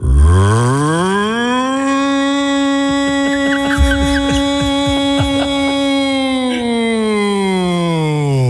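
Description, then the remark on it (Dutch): A voice mimics an air raid siren: one long, loud, buzzy wail that rises in pitch, holds steady for several seconds, then slides back down, with a few faint clicks partway through. “Even de luchtalarm nog niet schrikken.”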